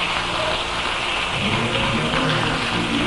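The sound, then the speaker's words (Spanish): A church audience applauding for God, the King, a dense, steady wash of many hands clapping at once, loud and continuous for the whole stretch with no voices standing out. “Dale un aplauso al Rey con todo tu corazón.”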